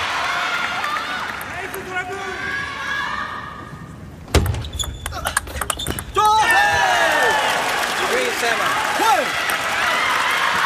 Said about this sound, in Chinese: 掌声！